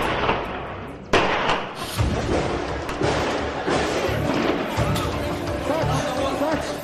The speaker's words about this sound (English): Gunshots, explosions, armed men taking over every floor, methodically shooting anyone in their way. That was the unbelievably brutal scene that played out in front of a shocked world September 21st, 2013.